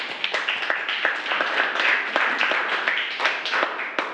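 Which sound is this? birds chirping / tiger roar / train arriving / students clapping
students clapping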